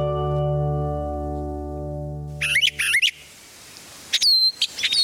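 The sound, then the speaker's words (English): A steady low humming tone fades out, then spring birdsong comes in two brief bursts of bright, high chirping notes with sweeping whistles, separated by a short pause. “Let's listen to some brilliant bursts of song on today's Nature Watch.”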